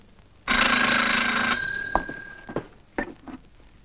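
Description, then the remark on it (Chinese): A telephone bell gives one loud, rattling ring lasting about a second, its metallic tone lingering and fading, followed by a few sharp clicks and clatters: a call from the secretary-general of the Southwest Chief's Administrative Office. No one speaks. “喂，是啊， 西南长官公署秘书长电话。”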